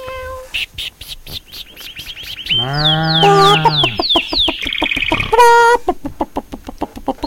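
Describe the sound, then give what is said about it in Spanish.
A person imitates a clucking hen, producing a loud run of quick clucks, drawn-out squawks and high warbling cries, varied and somewhat strained, with no ordinary speech. “Estoy mejorando la gallina para cuando vaya al estadio.”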